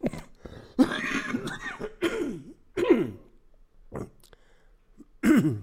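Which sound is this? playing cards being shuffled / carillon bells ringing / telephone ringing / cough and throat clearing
cough and throat clearing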